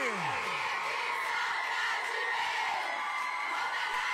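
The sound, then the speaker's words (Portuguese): A loud crowd shouts and cheers continuously, a dense wall of many voices whooping and yelling together, with a few rising shrieks standing out at the start, played on the 100.3 Salete FM radio program Expresso Bandas. “Cadê o grito da galera aí?”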